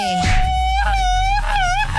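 A man lets out a long, loud shout in the manner of a drunk man, a sustained wailing cry whose pitch wavers up and down for about two seconds without any words.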